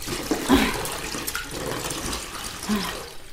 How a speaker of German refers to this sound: Hier ist heißes Wasser für das zweite Bad.